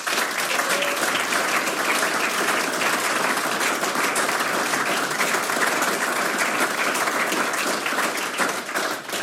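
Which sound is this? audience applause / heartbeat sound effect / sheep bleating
audience applause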